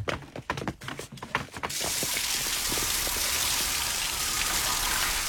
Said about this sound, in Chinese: 要么我带你到淋浴间冲个澡再走吧。